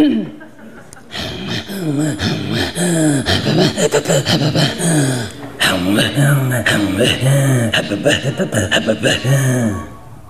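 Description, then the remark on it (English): Two voices perform Inuit throat singing together, making the same sound a half second apart, trading rapid, rhythmic guttural pulses and breathy inhalations in a loud, continuous interlocking pattern lasting about ten seconds. “Throat singing comes from our voice, our throat, and our breathing.”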